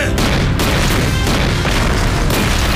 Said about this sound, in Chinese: 现在他们正用大炮对我阵地进行轰击。 这是日军的老套路， 炮击一停就会冲锋。